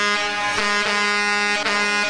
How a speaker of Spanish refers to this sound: se escucha la carretera con los claxons de las pipas